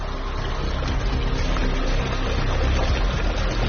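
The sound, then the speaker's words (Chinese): A steady, dense rush of flowing spring water from a mountain stream that comes straight down from the mountains and flows all year round, loud and continuous throughout with no voices, its churning texture unbroken by any distinct splash or scoop. “舀起来看一下，它到底是不是很清澈啊？”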